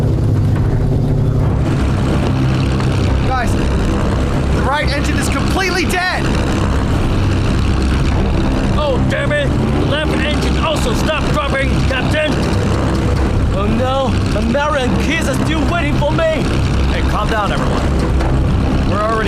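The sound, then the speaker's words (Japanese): A loud, steady low drone of a B-29 bomber's propeller engines runs throughout, in flight over China, with people talking urgently over it about the right engine; the engine hum stays constant rather than clearly sputtering or cutting out. “The right engine start dropping.”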